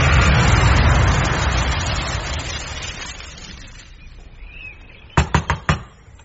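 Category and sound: impact, knocking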